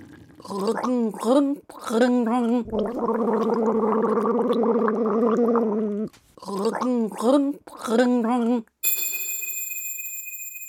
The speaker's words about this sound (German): Macht euch bereit, wir setzen die Segel für das letzte Gurgelrätsel. Sturm im Wasserglas.